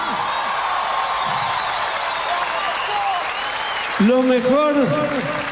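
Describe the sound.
A large audience applauds in a dense, steady roar of clapping that holds at an even level, and a loud voice rises over it near the end.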